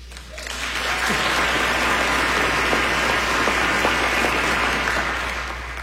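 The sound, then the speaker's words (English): An audience at a talk applauds steadily, a dense wash of many hands clapping that swells in after a moment and holds at full strength before easing slightly at the end. No one speaks. “So, for those who maybe didn't clap, this may be the part in the talk where some of y'all getting a little bit nervous.”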